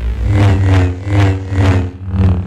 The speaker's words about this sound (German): Für mich hört sich das an wie so eine nervige Mücke, die an meinem Ohr vorbeifliegt. Aber hey, Star Wars Fans, die kriegen da bei diesem Lichtschwert oder so gleich eine Gänsehaut.